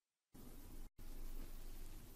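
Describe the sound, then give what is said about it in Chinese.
Steady, dense rain pattering on broad banana leaves starts abruptly, breaks off for a split second, then resumes as a loud, continuous hiss with no voices. “啊，雨打芭蕉”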